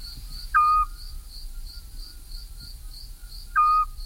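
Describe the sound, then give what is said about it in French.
A Eurasian scops owl gives two short, pure whistled notes about three seconds apart, clear, over a steady pulsing chorus of crickets and faint low background rumble. “Le charme des douces nuits printanières du midi, ce n'est pas seulement le chant fougueux des rossignols, c'est aussi cette flûte qui égrène sa note musicale et un peu plaintive dans les campagnes et autour des villages.”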